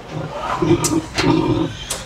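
A pig in a pigsty in Sweden grunts in a few low, rough bursts, a short series of throaty snorts with brief pauses between them and some snuffling noise mixed in.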